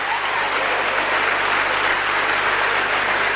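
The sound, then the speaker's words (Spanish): Steady, dense applause from an audience, a continuous wash of many hands clapping at an even, fairly loud level with no voices standing out. “¿Le gustó eso? ¿Aplaudieron?”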